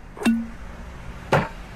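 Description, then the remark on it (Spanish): A cork pops from a bottle of Ron Viejo de Caldas Gran Reserva rum with a sharp snap and a brief low ringing tail, then a second crisp pop follows about a second later. No one speaks. “Primero se destapa”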